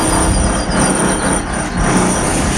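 A jackhammer at roadworks in the underground passages beneath Place de la République pounds out a loud, dense, unbroken mechanical clatter, steady throughout with only slight dips in intensity and no voices.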